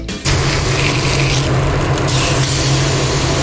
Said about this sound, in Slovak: No, mne to pripomína, prepáč, ale umývačku auta. Nie. Nie? Je to grill, je to meso ale na grille.